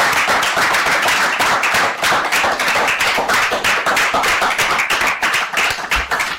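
A group of children applauds, a loud, dense patter of hand claps that runs steadily for several seconds and thins slightly near the end, with no voices.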